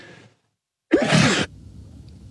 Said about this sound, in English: So I think that's a good thing, but I'm just holding off a sneeze here. Hold on a second.